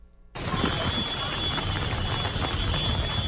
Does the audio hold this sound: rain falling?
yes